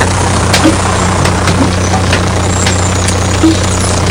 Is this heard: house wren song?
no